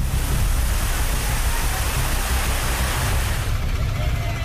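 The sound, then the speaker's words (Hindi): Loud, steady roar of rushing floodwater from a river overflowing through the middle of a city in Sabarkantha, Gujarat, after about 2 inches of rain in one hour, a dense continuous wash of turbulent water that stays unbroken throughout, with a deep low rumble beneath. “गुजरात के सावरकांठा में महज एक घंटे में करीब 2 इंच बारिश हुई और शहर के बीच से गुजरने वाली नदी उफान पर आ गई। तेज बहाव में एक कार तिनके की तरह बहती हुई नजर आई, वहीं सड़कों पर पानी का दरिया बहता दिखा।”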